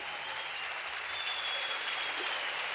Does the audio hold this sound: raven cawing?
no